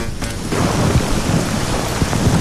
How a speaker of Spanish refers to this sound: ver las imágenes es una riada de agua y de bolas de granizo las que están circulando hacia abajo, bueno, en esta línea de meta. Espera, escuchar ahora.